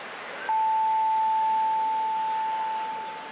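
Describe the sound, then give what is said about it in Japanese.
A long, steady high-pitched electronic beep holds for about two and a half seconds over a soft hiss: the final tone of a Japanese radio time signal marking 5 o'clock, during a sumo broadcast, before the news. “時刻は5時になりました。”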